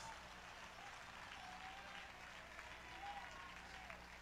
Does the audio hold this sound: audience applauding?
yes